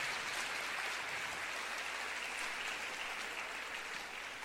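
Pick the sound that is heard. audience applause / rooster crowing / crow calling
audience applause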